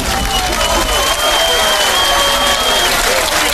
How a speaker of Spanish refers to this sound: Hombre, un aplauso.